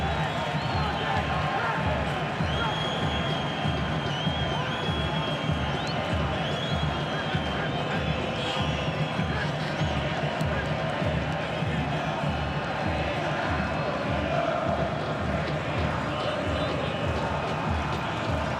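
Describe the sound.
A festive Argentine football crowd at a World Cup match roars steadily during the first water break, nearly 22 minutes in, a dense wall of voices and cheering with a regular low thumping pulse running beneath, like rhythmic chanting or drumming.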